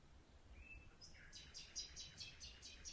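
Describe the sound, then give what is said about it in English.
A lone male nightingale sings in the dark at night: a brief high whistle, then a rapid, evenly spaced series of sharp repeated notes, over a faint low background rumble. “In the middle of the night, I satisfied my desire and recorded a lone male nightingale singing in the dark.”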